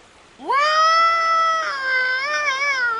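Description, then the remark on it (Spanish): A person imitates a bull moose bellow to try to call a moose: one loud, drawn-out nasal wail that sweeps upward, holds steady for over two seconds, then wavers as it trails off, with no talking. “Veamos si berreando como un alce podemos llamarlo.”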